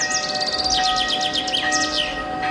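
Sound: bells ringing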